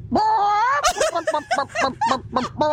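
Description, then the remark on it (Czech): A person imitates a hen, starting with a drawn-out rising squawk and then a quick run of about seven rhythmic clucks, loud with no other sounds. “Tady máme kouta, slepicu tu umím taky.”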